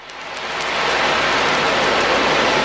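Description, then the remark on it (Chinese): An ocean drum is tilted slowly in the palliative care ward of the Puhuangyu Community Health Service Center, imitating waves breaking on the shore. Its rolling beads build into a soft, steady surf-like hiss that swells over the first second and then sustains, unaccompanied by voices. “在蒲黄榆社区卫生服务中心安宁疗护病房里，海浪鼓轻轻摇动，模仿着海浪拍岸的声音。”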